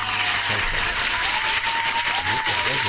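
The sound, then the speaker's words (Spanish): An audience applauds in a dense, steady wash of clapping that stays loud and even for the full three seconds, with no single claps standing out. “Un aplauso, que no es un aplauso simulado.”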